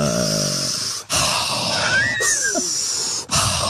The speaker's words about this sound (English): Mindful breathing. I think I kind of do that because I